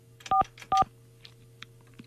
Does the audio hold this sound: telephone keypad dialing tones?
yes